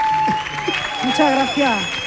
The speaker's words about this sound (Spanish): Fuerte el aplauso para doña Ruperta, por favor.